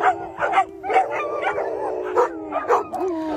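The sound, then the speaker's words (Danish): Several dogs at Daycare for Dogs, a dog daycare in Charlottenlund, bark and yip over one another in quick, uneven bursts, with a drawn-out howling whine running underneath; fairly loud, with no one talking. “Og det kan jo være folk, som for eksempel sender deres hunde i hundebørnehave, som den her i Charlottenlund, der hedder Daycare for Dogs.”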